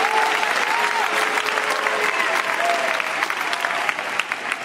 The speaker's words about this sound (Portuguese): Aplausos.